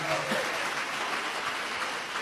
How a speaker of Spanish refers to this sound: ¿Cuántos en Él creemos? Dele ese aplauso de alabanza a Jesús de Nazaret.